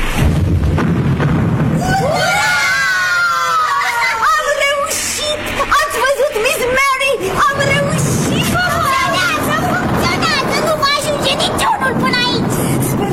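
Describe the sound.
Loud, booming bursts go off one after another amid a noisy clamor of voices, like a string of explosions set off in quick succession with excited chatter throughout.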